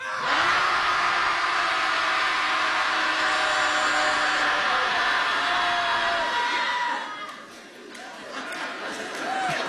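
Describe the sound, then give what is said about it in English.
A crowd of people at a Shouting Society gathering in Portland yells together on a count of three in one loud, sustained roar lasting several seconds, then it breaks up into scattered whoops, laughter and chatter as the noise tapers off. “So when I'll say 1, 2, 3, and then we'll all just let it out.”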